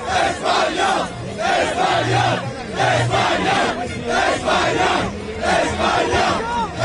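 A dense crowd of Spain football fans cheers and chants loudly in the streets of New Jersey, celebrating Spain's second World Cup title, voices surging in rhythmic waves with sustained shouted notes, continuous throughout.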